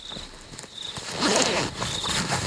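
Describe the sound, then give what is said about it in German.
A zipper is pulled along a large travel bag in a couple of quick, rasping strokes, growing louder midway, with soft rustling of fabric and no voices. “Die Früchte legt Scully in ihre große Reisetasche.”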